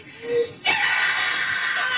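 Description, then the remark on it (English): A girl lets out a sudden, loud, sustained scream right after a short breathy vocal sound, captured on a hissy old tape recording. “That's me screaming.”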